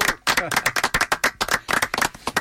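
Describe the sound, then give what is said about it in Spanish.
A burst of audience applause for the group Ingeniería Carranquera of the Universidad Nacional de Colombia: a steady run of sharp, overlapping claps that keeps up a fast, irregular rhythm for a couple of seconds, fairly loud throughout. “Hoy, un fuerte aplauso para el grupo Ingeniería Carranquera de la Universidad Nacional.”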